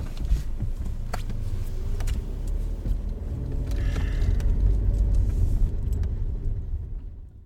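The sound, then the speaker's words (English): A car drives along a road in Detroit, Michigan, USA, with a steady low engine rumble and road noise, occasional clicks and light rattles inside the cabin, fading out toward the end. No one speaks. “A drive around Motor City, Detroit, Michigan, USA, tells all.”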